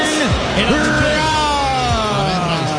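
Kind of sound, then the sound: crowd, stadium crowd booing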